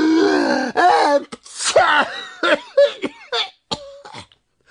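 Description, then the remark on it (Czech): A voice acts out two bumblebee brothers sneezing at once after dust tickles their noses: drawn-out, wavering breathy build-ups break into sharp bursts, several sneezes in a row, loud and pitched, fading into short gasps at the end. “Jakmile je totiž ten prach zašimral v nose, oba bráškové naráz kýchli.”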